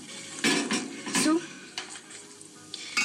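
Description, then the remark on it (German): Coffee being made, with dishes and cutlery clinking and stirring sounds, a few sharp metallic clatters standing out over a steady hiss. “Wissen Sie, wenn man Kaffee kocht, dann muss man sich konzentrieren, sonst schmeckt er nämlich nicht.”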